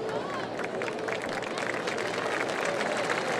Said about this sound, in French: Et voilà la foule qui réagit là. Je crois que ça va y aller. Ah, et c'est une dame âgée là qui a été atteinte. Bon sang.